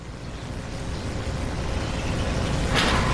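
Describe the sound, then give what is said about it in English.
A sliding door in an AT&T Dynamic Defense ad whooshes open with a sharp pneumatic hiss near the end, following a low, steady rumble like an idling vehicle; no voices. “Somebody say door.”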